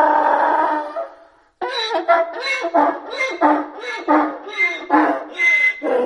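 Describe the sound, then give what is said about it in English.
A donkey brays loudly, a rapid run of rasping hee-haw cycles broken by hiccup-like catches, following a brief fading cry and a short pause. No one speaks. “There is a sort of similarity between them all, with both the zebra and the donkey doing that sort of hiccup with their braying.”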